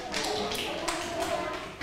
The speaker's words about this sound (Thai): ขอบคุณค่ะปรบมือให้เพื่อนด้วย